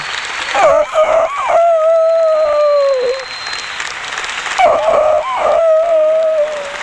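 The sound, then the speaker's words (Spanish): A rooster crows twice in a row, each call long and drawn out, rising and then trailing off, over a steady hiss of background noise resembling applause or crowd sound. “¿Cuál es la hora, chupallita, que canta el gallo?”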